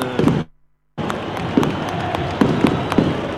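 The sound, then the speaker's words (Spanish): Fireworks burst outside the Sánchez Rumoroso stadium in the Coquimbo region, Chile, in a steady string of sharp pops and crackles over a dense, rumbling background, with the sound cutting out briefly near the start. “Impresionante, con fuegos artificiales, linda sorpresa desde las afueras del Sánchez Rumoroso.”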